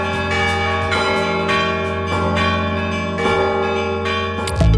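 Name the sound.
church bells ringing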